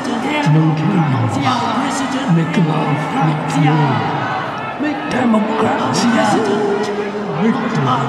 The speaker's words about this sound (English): The crowd is getting bigger and the chanting more boisterous. And wave after waves of placards everywhere.